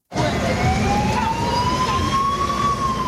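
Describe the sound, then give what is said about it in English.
The siren of a UN escort vehicle clearing the way for a bus of deported migrants in the Central African Republic wails steadily, its rising tone sweeping slowly upward over a dense rumble of traffic and engine noise, loud throughout. “A UN escort vehicle clears the way in Central African Republic for a bus of migrants deported from the United States.”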